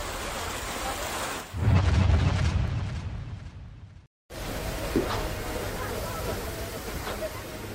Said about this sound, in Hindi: कुलगाम ही नहीं, बांदीपोरा में भी भारी बारिश के चलते लोगों को काफी परेशानी हुई। लगातार हो रही बारिश से कई इलाकों में पानी भर गया। सड़कें, रिहायशी इलाके और खेत खलिहान सब पानी में डूबे नजर आए।